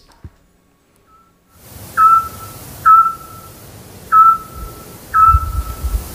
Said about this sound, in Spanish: Hombre, el autillo. Muy bien, muy hemos bien. Hemos hablado mucho de él en este programa. Claro, el pájaro submarino.